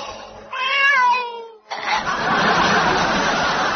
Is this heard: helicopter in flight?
no